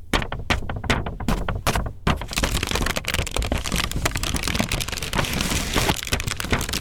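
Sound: paper being handled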